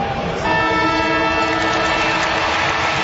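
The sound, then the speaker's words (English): A final siren ending an Australian football match in which St Kilda beat North Melbourne: a loud, steady, horn-like blast with layered tones starts after a brief burst of crowd roar and holds unbroken over the noisy crowd. “Siren time in a moment.”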